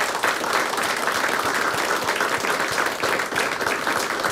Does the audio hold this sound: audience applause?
yes